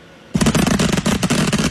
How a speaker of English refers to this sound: someone lit up a bunch of illegal fireworks and pissed off the whole neighborhood